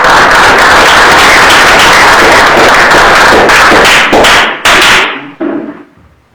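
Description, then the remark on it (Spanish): Loud, dense audience applause welcoming a project leader to speak: many hands clapping at once, sustained for several seconds before thinning out and fading to a few scattered claps at the end. “Lo recibimos con fuertes palmas también.”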